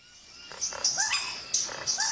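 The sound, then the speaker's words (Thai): A Vogelkop bowerbird mimics a striped parrot's call: two fairly loud bursts of harsh, raspy squawks, each mixed with short rising whistled chirps, over faint background hiss. “นี่คือเสียงของนกแก้วลายเสือ”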